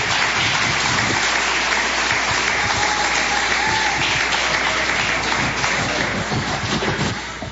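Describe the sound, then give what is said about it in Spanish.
A church audience claps loudly and steadily to welcome a preacher, a dense wash of overlapping hand claps that holds at full strength for several seconds before easing slightly at the end. “Vamos receber o servo de Deus com palmas bem forte, bem alegre, para Jesus.”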